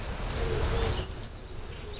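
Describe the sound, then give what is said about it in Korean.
Calls of an Oriental dollarbird in a forest valley: a few thin, high chirps spaced about half a second apart, set against a steady outdoor rumble of wind and forest ambience, with no voices. “이거는 파랑새 소리 들리네.”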